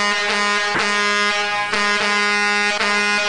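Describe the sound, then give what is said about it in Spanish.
Loud, sustained truck air horns blare continuously, with several overlapping blasts and brief breaks, as water tanker trucks pass by honking. “Señoras y señores, saludos allá para mis amigos de Las Pipas, que ya van pasando ahorita en este momento. Van con una tocadera de claxon.”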